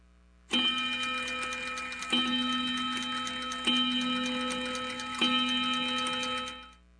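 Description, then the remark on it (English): A clock ticks steadily, with four resonant, ringing strikes at even intervals sustaining over the ticking before fading out; no one speaks. “We got that clock the summer we went to Europe, me and Big Mama, on that damn Cook's tour.”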